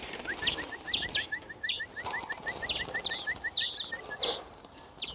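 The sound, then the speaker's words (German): Greenfinches calling: a fast, steady run of short twittering chirps, with sharper higher notes breaking in every second or so, against faint outdoor background, no talking. “Also man sieht jetzt eigentlich schon hier bei den drei Grünlingen, so wie ich das sehe, sind es hier zwei Weibchen.”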